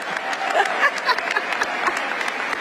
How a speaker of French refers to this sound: Toujours très en forme et applaudie, elle est d'ailleurs venue à la cérémonie avec sa raquette et quelques balles de tennis.